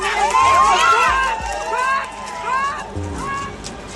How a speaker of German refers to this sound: Und dann hebt jemand den Zaun an einer Seite aus der Verankerung. Sie schieben ihn beiseite, drängen durch die Lücke auf den Feldweg und rennen los.